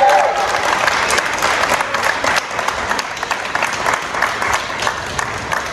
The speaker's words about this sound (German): Wenn ich jetzt das Mikrofon habe, dann hätte ich gerne nochmal einen ganz herzlichen Applaus